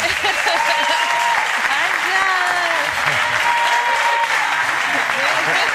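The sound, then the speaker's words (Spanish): An audience applauding Ángels Barceló steadily and loudly for several seconds, a dense continuous clatter of clapping with a few faint voices calling out underneath. “Tenemos esta artista que nos acompaña, esta catedral, y Ángels Barceló, por favor, denle un aplauso nuevamente.”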